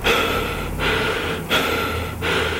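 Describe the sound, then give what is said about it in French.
Loud, raspy breathing with a hollow, mechanical, respirator-like quality, alternating steady inhales and exhales in slow rhythm with brief pauses between them, and no talking. “La respiration, on ne l'entend que rarement, sauf quand elle est un peu inquiétante.”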